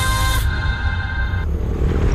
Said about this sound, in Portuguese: Amor, ouviu essa moto? Deve ser um entregador.